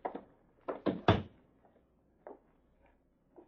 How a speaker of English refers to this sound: Come in. Shut the door.